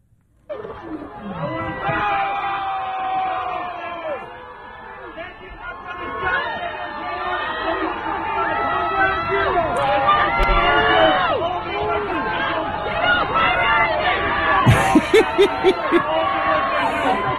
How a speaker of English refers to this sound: play exactly what happened, which is what you would expect would happen, including members of the NYPD booing the sitting mayor of New York off the stage as he smiled through the whole thing, of course, because that's what he does.